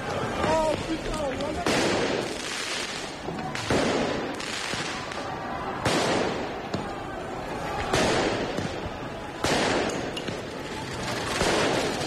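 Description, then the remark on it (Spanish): Loud, sharp bangs of fireworks and what may be riot police firing rubber bullets go off every couple of seconds over a constant roar of a large street crowd with shouting voices, in Paris as fans take to the streets after their team won for the second year in a row. “Esos son lanzamiento de fuegos artificiales, me imagino que también alguna pelota de goma de los antidisturbios.”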